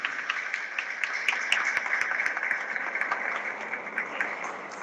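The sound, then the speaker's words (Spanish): Steady audience applause at a civic ceremony honouring the volunteer firefighters of the Cuerpo de Bomberos del Carmen on their 50 years of service in 2026 fills the whole stretch, a dense wash of many hands clapping at once, with sharper individual claps popping out now and then at an even, moderate loudness. “hacemos un merecido homenaje a los voluntarios y voluntarias del Cuerpo de Bomberos del Carmen, quienes este año 2026 cumplen 50 años al servicio de nuestra comuna, para quienes pedimos un aplauso y dedicamos esta ceremonia ciudadana.”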